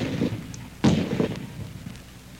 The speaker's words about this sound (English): They rarely say it sounded like a gun, because we've come to accept the sound of a gun on television as the sound of a gun.